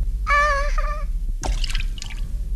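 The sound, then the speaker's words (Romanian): In Pinocchio, a short high-pitched squeal as the cricket Gimini falls into Figaro's cup of milk with a loud splash, followed by a few quick sloshing, dripping bursts of liquid. “De emoție am căzut în cana cu laptea lui Figaro.”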